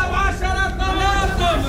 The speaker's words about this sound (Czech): Stánkaři se zeleninou halekají na kolem jdoucí, jako by nebylo vidět, že prodávají meruňky nebo cibuli. Tady za rohem je ale větší provoz aut a trhovci už přišli na to, že hlasivky mají jen jedny.